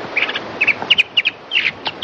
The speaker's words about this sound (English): They recorded mockingbird alarm calls and mockingbird song, which sounds completely different.